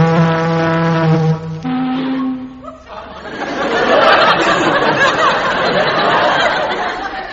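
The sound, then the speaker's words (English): A loud, deep ship's siren blast, a buzzy horn tone that steps up to a higher pitch after a second or so, then gives way to a sustained broad rushing roar. “Sound the siren, Chief.”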